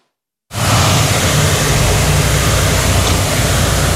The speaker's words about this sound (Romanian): Brașov e de departe cel mai creativ. A plasat un tun de zăpadă chiar în mijlocul orașului, care produce o perdea de apă.